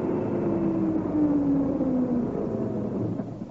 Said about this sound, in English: but I'll be prepared to bet you a tanner it's a lorry full of milk churns. Anyway, here it comes. We'll soon know. Yes, it is a lorry.